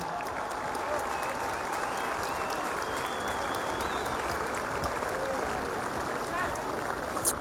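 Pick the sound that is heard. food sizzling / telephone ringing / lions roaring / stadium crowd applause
stadium crowd applause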